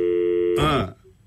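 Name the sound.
telephone dialing tones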